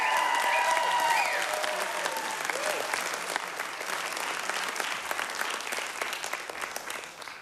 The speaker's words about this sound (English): One more big round of applause